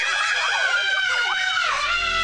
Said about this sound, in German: Also gefühlt jeder sagt doch kurz vor der Achterbahn den immer gleichen Satz. Also heute schreie ich nicht. Dann 3 Sekunden später.